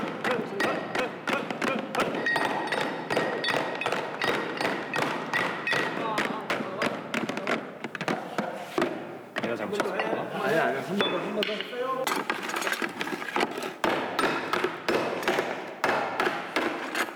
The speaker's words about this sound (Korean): 소리를 계속 쳐가면서 내가 원하는 소리를 이렇게 찾아나가는 거거든요. 망치질을 해가면서 이제 그 떨림을 조정해가지고서 우리가 이제 고유 징소리를 찾아나가서 이게 나에 맞는 징입니다. 이렇게 찾아나가면서 계속 하는 거예요.